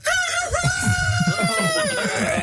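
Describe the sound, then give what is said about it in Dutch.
A man's voice imitates a rooster's crow in one long, loud cock-a-doodle-doo, strained and wavering as it stretches over a couple of seconds. “kun je hem nog 1 keer doen? De haan?”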